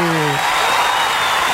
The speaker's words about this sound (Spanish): Eso, el aplauso. Ahí está.